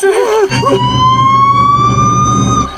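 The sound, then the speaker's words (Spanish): After a brief voice, a siren switches on and winds up into a loud, steady wail that slowly climbs in pitch over a low engine rumble. “Encendamos la sirena.”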